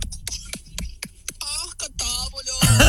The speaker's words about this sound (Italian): Che rumore! No, vabbè, ragazzi, no. E tu hai capito, ma io ho capito. Stava facendo un impasto. Certo. Voleva cercare di. Stava sbattendo le uova. Voleva cercare.